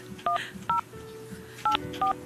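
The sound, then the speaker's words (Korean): Four short, clear telephone keypad tones beeping at an uneven pace, each a crisp two-pitch electronic beep, with a faint background hum and no talking, as a radio host dials to phone listener number 2310 during a live broadcast. “시간이 얼마 남지 않았지만 전화를 한번 해볼게요.”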